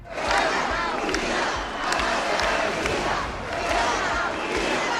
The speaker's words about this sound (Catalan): Els crits en favor d'Espanya, les banderes i càntics contra el president Pedro Sánchez protagonitzaren la cita.